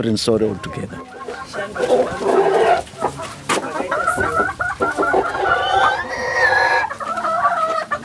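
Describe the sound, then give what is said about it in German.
Chickens cluck busily on a small farm, with a rooster's drawn-out crow rising over the flock near the end; a voice talks underneath at times. “Ein paar Ziegen und Hühner, ein Acker, eine bescheidene Unterkunft.”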